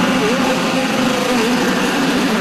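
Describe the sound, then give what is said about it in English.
A dense, loud roar of several race car engines starting up at once at a race in Markham, with a steady rumble and slowly wavering pitch, with no talking. “Drivers, start your engines!”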